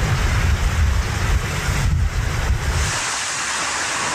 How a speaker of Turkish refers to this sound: Tekirdağ'da rüzgarın hızı saatte 80 kilometreye çıktı. Ağaçlar kökünden söküldü.